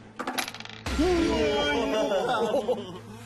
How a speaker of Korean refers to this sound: 그럼 주사위를 던져주세요. 제가 먼저.